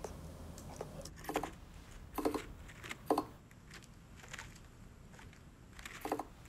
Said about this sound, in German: Dann kommt Durchgang Nummer 2. Nur Trommeln. Also wenn die Rennmaus nur das Trommeln hört, würde ich auch erwarten, dass sie zum Häuschen läuft. Aber vielleicht nicht so schnell, wie wenn Trommeln und Alarmruf zusammen sind.